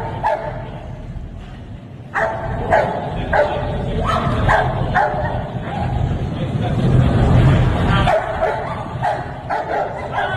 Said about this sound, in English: Most bad guys are afraid of the dogs. They're like, man, anything but the dog. They don't want nothing to do with that dog. No, no. Because that dog comes in and makes your arm hamburger meat. Yep. He bites until they tear him off you.